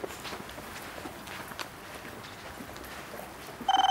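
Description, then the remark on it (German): Footsteps shuffle along over a steady background hum in a rescue dispatch centre, then at the very end a telephone suddenly starts ringing with an incoming emergency call, a loud, rapidly pulsing electronic tone. “Ui, da kommt gerade ein Notruf rein, da hören wir jetzt gleich mal zu.”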